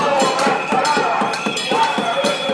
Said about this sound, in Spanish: los vecinos afectados por la paralización de las obras expresaban el viernes su malestar con una sonora cacerolada frente a la casa consistorial arandina.